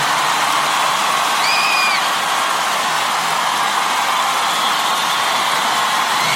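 A loud, steady roar of applause and cheering from a large crowd for Koalo fills the whole stretch, with a brief high whistle rising over it early on.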